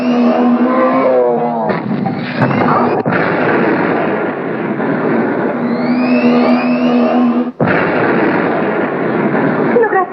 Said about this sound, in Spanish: Dos autos nos alcanzan.